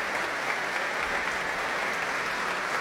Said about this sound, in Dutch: En daar klinkt het applaus voor Fabio Luisi.